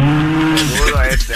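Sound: cow mooing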